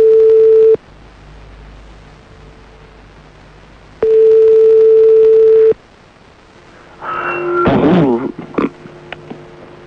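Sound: phone call ringing tone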